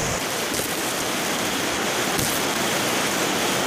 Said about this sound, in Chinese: 我们现在来录一个风扬树叶的声音，大家听听看有没有什么区别哦。